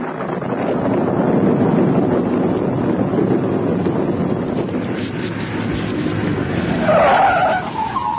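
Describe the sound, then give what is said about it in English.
A car's tyres screech and skid over a steady roar of engine and wind, the squeal rising sharply near the end as the vehicle slides to a stop on a road at night amid lightning, stopping for two men waving at the roadside. No one speaks. “Well, I'm driving along, not too fast, mind you.”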